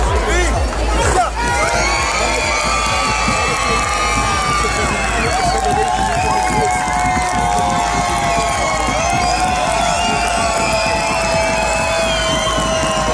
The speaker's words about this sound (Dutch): De voorbereidingen van Prinsjesdag morgen. Zo werd er op het strand van Scheveningen alvast geoefend met de paarden. En daarbij flink geschreeuwd.